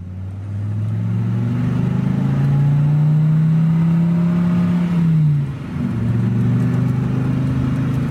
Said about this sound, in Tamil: அடட, அதை பாருங்க, அர்ச்சனாவோட கார் வருதே. ஆமா, ஆச்சரியமா இருக்குதே, என்ன இந்த நேரத்துல ஏறி கரைக்கு வர்றாங்க?